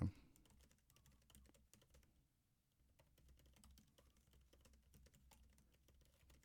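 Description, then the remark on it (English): Rapid, feverish typing on a computer keyboard, a dense stream of quick clicks with a brief lull midway, over a low background hum. “Can hear me feverishly typing like that meme of Elmo.”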